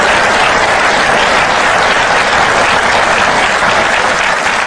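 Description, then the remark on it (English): A church audience applauds in praise of God, a dense wash of many hands clapping at a strong, even level throughout the few seconds, with no voices standing out. “That was like a golf clap. Can we give God better praise than that?”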